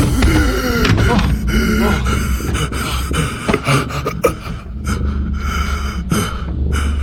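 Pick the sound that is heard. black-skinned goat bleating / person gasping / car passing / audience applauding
person gasping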